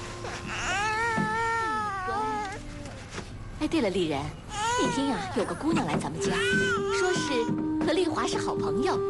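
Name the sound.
baby crying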